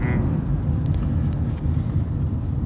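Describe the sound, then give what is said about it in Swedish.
Steady low rumble of road and engine noise from inside a moving car, constant throughout, with faint higher hiss and a few brief light rattles. “Ja, vi sitter här i bilen i Crash eller Konsensus och diskuterar utmattningssyndrom.”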